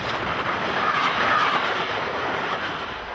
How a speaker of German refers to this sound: Mit einem Schwenk über Frankfurt-Oder rollt der Zug von Osten auf Berlin zu, zweigt in Köpenick auf den Berliner Ring und überquert in Biesdorf einen Endpunkt der Berliner U-Bahn.